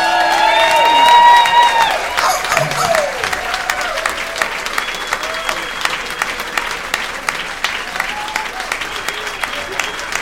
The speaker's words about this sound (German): Begrüßet mit einem Wahnsinnsbeifall Heiko Volz und Volker Lang, die Originalstimme vom Äffle und Pferdle.